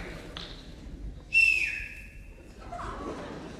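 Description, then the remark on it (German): A person whistles a single sustained, fairly loud note lasting about a second, its pitch dipping slightly and holding steady before fading into low background noise. “Und pfeifen können die auch nicht.”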